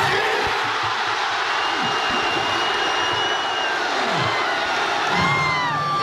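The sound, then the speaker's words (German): A large crowd of football fans at a public viewing fan fest in the Hafengarten cheers wildly shortly after kick-off of the Germany vs Ecuador World Cup match, a sustained roar of shouting and whooping with high-pitched whistles and yells rising above it throughout. “Ja, und dann kurz nach Anpfiff beim Spiel Deutschland gegen Ecuador, sind mal alle vor Ort ausgerastet.”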